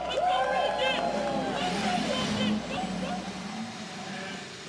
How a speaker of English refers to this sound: Thirty-three engines roar to life as we prepare for the 104th running of the Indianapolis 500-mile race.